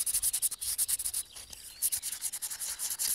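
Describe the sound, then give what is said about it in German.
Gritty, rhythmic scraping as the surface of a hard-fired, machine-made clay pot is roughened by rubbing it back and forth with a rough surface, about a dozen quick hissing strokes with brief gaps, fairly steady and moderately loud, with no voices. “Von daher würde ich empfehlen, die Oberfläche leicht zu brechen oder aufzurauen.”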